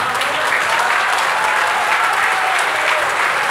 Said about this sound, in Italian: ma però mettiamoci d'accordo, cerchiamo di ridurre gli applausi, perché sennò poi, perché ho diverse cose da dire